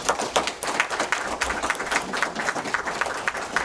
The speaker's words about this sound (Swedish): Tack för era svar, en applåd.